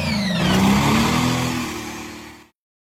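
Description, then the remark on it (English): A loud diesel truck engine revs hard at a diesel truck event with Super Stock and Pro Stock diesel 4x4s and modified monster semis, its rumbling tone climbing in pitch and then holding a steady, throaty roar for about two and a half seconds before cutting off abruptly. “Dirt flying, Wyman Performance Super Stock Pro Stock East Coast Diesel 4x4s, modified monster semis and more.”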